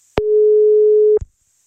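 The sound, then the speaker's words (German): A single steady telephone ringing tone during a call-back sounds for about a second, loud and clear, bracketed by sharp clicks at its start and end, with no voices. “Naja, jetzt klingelt es auch nicht mehr.”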